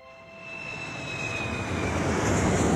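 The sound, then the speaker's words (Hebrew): An airplane in flight above islands, coral reefs and turquoise water: a steady, broad engine roar swells gradually louder, with a thin high whine that slowly drops in pitch and fainter lower hums running through it. No voices. “כמה שעות לאחר מכן, כבר היו תום ומאיה על המטוס.”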